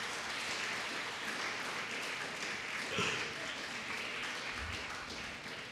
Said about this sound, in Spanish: Honra al Señor. Denle un fuerte aplauso a Cristo Jesús.